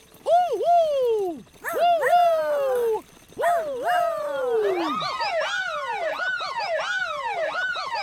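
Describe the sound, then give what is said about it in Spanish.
Voices imitate a siren, sounded to warn others while flying through clouds: three loud, falling wails repeat about every second and a half, then several overlapping rising-and-falling wails continue together, steady. “¡Ayúdanos a hacer sonar la sirena!”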